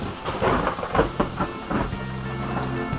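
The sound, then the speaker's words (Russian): Rain begins to fall, a steady patter of drops with low rumbles of thunder rolling beneath it, no voices present. “Кажется, дождь начинается.”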